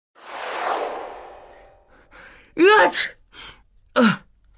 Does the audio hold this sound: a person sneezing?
yes